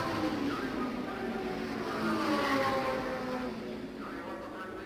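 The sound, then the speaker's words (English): Race car engines roar in a steady, dense rumble as cars, including Al Unser's car number one and Pete Revson's number 86, come by on the track; the sound swells toward the middle and eases slightly at the end, with rising and falling engine whines layered on top. “Well, we'll take a look, and when they come by here, we'll swing around the track for one lap and see how that battle is coming.”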